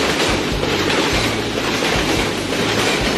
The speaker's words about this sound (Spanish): Luego de 2 días, Gladys Aylward visitó nuevamente la estación de trenes.